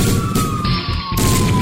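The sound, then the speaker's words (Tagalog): A loud fire alarm siren wails in a steady, slightly falling tone, continuous over a rough, noisy background, with no one talking. “Magnum Fire Alarm.”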